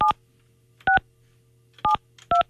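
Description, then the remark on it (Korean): Four short dual-pitched keypad tones beep at uneven intervals as a phone number is dialed to call the first contestant, each a crisp electronic chirp over a faint steady low hum, with no talking. “이분을 제가 한번 전화 한번 해보죠.”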